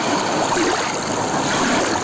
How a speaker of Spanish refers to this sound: Un paseo pola beira do mar. Así soan as ondas na praia de Laxe.